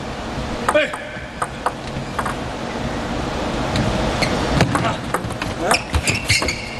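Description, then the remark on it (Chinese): A table tennis ball clips and rolls over the net in the second game of a match involving Lin Shidong: a series of short, sharp ticks at an irregular pace, some louder than others, over a steady murmur of crowd noise. “这是一个滚网的运气球。”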